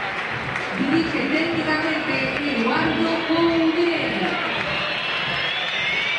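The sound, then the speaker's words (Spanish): A stadium crowd applauds and whistles in a dense, continuous roar, with shrill whistles and a wavering, chant-like hum running through the steady wall of clapping and voices. The crowd is whistling at Chacho Caudet as the team's players are announced. “Y silbidos, ¿eh? Silbatina, ¿eh? Fue el más silbado.”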